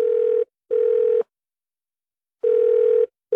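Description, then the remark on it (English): A telephone dial tone hums at a steady mid pitch, broken into two pairs of bursts with a gap of about a second between them. No voices. “If you're a small business, you know this sound.”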